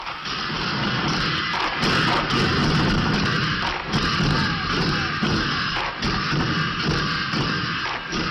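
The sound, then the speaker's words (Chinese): A recording of a large Kaifeng pangu drum troupe from Kaifeng, China, pounding out a loud, dense, driving rhythm, with crashing cymbals and rapid unison beats filling the whole stretch without any voices. “听众朋友，现在您听到的就是震撼力、感染力雄冠华夏的开封盘古的表演录音。”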